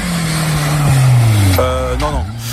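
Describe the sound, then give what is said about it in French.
A racing car engine roars loudly, its pitch sliding steadily downward before a sharp shift and another falling rev near the end, heard on its own with no talking. “C'était un 22 juillet 1894 qu'a eu la première course automobile au monde.”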